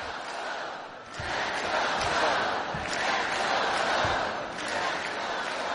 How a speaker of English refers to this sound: The Hawaii crowd serenading the players on the floor. Let's go, Bows will be heard multiple times on Monday afternoon in all Big West Championship affair.